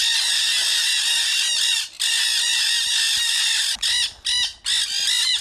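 A flock of black-hooded parakeets, South American parrots, screeches loudly and continuously in an aviary, harsh overlapping calls filling the air, with a few brief pauses before the shrill chorus resumes.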